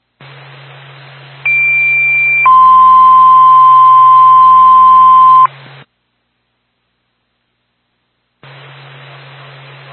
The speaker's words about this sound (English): Twin State to Littleton Fire Department, stand by for tone.